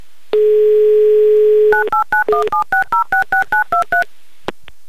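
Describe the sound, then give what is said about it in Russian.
A steady dial tone hums for over a second, then a quick run of about ten touch-tone beeps dials a phone number in an even rhythm, loud, with no voices. A host is dialing a listener's mobile phone number in Ulyanovsk. “Так, номер набран.”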